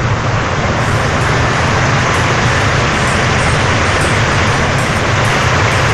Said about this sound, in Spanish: Mire cómo llueve. Parece camión.